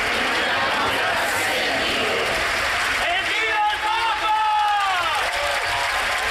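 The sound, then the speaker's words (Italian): Steady applause from a large crowd in a square greeting the Pope, with a dense wash of many voices rising and shouting together, bright tonal cheers sweeping upward over the continuous clapping in the latter half. “E ancora applausi e voci che si alzano dalla piazza a salutare il Papa.”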